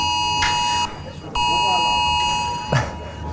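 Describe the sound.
A harsh, loud smartphone emergency alert tone from Germany's nationwide warning day test at 11 a.m. blares steadily, breaks off briefly, then resumes, with faint voices and small bumps of movement underneath.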